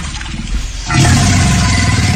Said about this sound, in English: I love this this clip. We played it before. The person who was face to face with the alligator. And it sounds like the dinosaur.